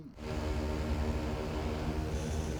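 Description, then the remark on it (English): A large agricultural drone, a 1.8-meter square craft that sows rice seeds, hovers in Akita Prefecture, its propellers producing a loud, steady droning hum with a layered whine that holds constant throughout, with no voices. “The collaboration between a local government, a university, and a company has developed a flying drone that sows rice seeds.”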